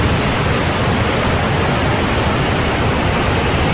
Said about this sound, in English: Number two is like ocean waves or rain sound effects.